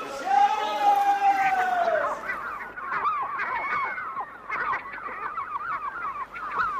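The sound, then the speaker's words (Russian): Seagulls cry loudly and continuously while catching thrown bread in flight, a long drawn-out call at first and then a dense, overlapping clamor of squawks from a flock. “Чем чайкам стравливать, лучше бы собакам отдали.”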